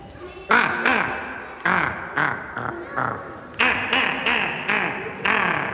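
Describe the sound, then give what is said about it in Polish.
A person imitates a common raven's call: roughly nine harsh, throaty croaks in a quick, fairly even series, loud, with no talking. “Kruk, zdecydowanie.”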